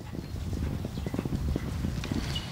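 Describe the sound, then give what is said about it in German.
Horse hooves galloping across a meadow in a fast, steady drumming rhythm of dull, low thuds that keep going without a break, fairly loud, with no voices. “Das waren ja bestimmt 20, 30 Stück und wir sind über die Wiese galoppiert.”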